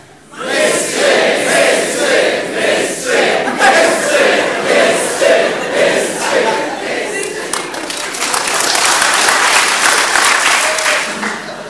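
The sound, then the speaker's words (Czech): A large audience chants "mistři" (Czech for "champions") in unison, asked to do so without clapping for a record, a loud rhythmic repeated shout with steady beats, swelling into cheering and scattered clapping toward the end. “Bez potlesku, ať je tomu hezky rozumět. Mistři, mistři, mistři, ano?”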